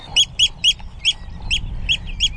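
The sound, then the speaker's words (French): A Eurasian oystercatcher, its nest nearby, gives a quick series of seven sharp, piercing piping calls in a steady rhythm, loud, over a low rumble of wind, in the salt meadows of the Hallig Nordstrandischmoor in June. “C'est un huîtrier pie.”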